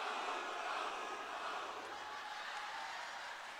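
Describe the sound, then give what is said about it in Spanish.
The men of an audience, on the host's cue, shout the 'ajú' battle cry together, the voices blending into a steady, loud, dense roar that holds evenly for several seconds without a break. “Y cuando diga el grito de los hombres, digan ¡ajú!”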